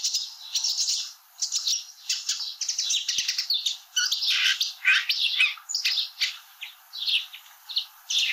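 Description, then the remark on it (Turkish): A single bird sings nonstop, imitating about four different bird species in turn: bright chirps, rapid twitters and harsh squawks, with a sparrow also heard in the background during the first imitation, loud, with no voices. “Yaklaşık 4 değişik kuşu taklit ediyor. Birincisinde arkada serçe sesi de var.”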